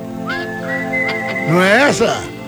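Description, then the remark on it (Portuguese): Someone whistles a simple old rock song melody, holding a long steady note before the melody bends, with a voice-like sliding sound joining briefly at the end. “Eu não sei, eu só lembro que na música tem um assobio, sabe?”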